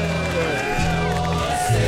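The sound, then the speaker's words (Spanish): A crowd of ranchers shouting and cheering together, a dense, steady wall of overlapping raised voices that holds for a couple of seconds without pause. “¡Cómo gritan los rancheros!”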